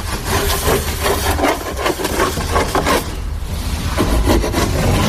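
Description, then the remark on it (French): A hand saw cuts steadily through a long wooden plank, the first side planking board for a boat being built, its rasping back-and-forth strokes loud, with a short pause midway before the sawing resumes. No one speaks. “C'est quoi cette grande planche là, Bertrand, que vous êtes en train de couper, de scier?”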